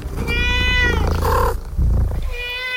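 A cat meows loudly and insistently, several drawn-out harmonic cries in quick succession, with no talking over it.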